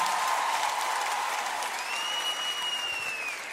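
Steady audience applause for the accompanying band fills the space, a dense wash of many hands clapping at once, with a faint whistle rising over the crowd partway through before the clapping begins to thin.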